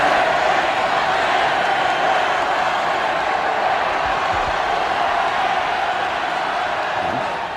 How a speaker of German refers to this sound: Nach dem Ausschluss empfingen den Sportler bei seiner Ankunft hunderttausende Menschen am Wiener Ballhausplatz. Und jetzt, Sie hören es, tritt Karl Schranz auf den Balkon. Die Menge jubelt ihm begeistert zu.